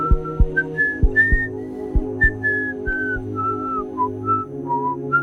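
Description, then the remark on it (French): A stout man whistles a cheerful tune clearly as he walks away, note after note in a bouncy melody, over light background music with a steady plucked accompaniment. “Il est allé replacer le cœur de Kim au bon endroit dans sa poitrine, puis il est parti en sifflotant.”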